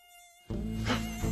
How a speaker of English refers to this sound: Let me catch the mosquito.